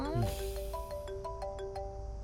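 A phone ringtone plays a steady, repeating electronic melody with sustained tones and regular rhythmic pulses, clear and fairly loud, over a faint low background hum.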